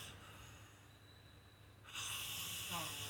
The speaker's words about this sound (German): Der Herr, der hier schnarcht, das ist der …